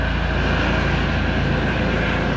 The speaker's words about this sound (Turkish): Videoda helikopter geziyor gökyüzünde. Fıkır fıkır geziyor.